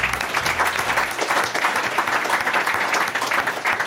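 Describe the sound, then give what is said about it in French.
Steady, dense applause from an audience, many hands clapping in a continuous rattling wash that holds a fairly even loudness throughout with no voices standing out. “Okay, on peut applaudir déjà.”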